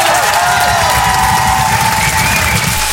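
Loud, dense audience applause fills the whole moment, steady, with cheers and a sustained whistle-like shout riding over the clapping throughout.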